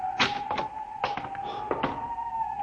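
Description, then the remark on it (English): A door in a municipal building being opened: a series of soft clicks and knocks from the latch and handle, set against a steady, faint hum with no voices; the door works smoothly, as if recently oiled. “This door is in good working order. Almost as if it had been oiled recently.”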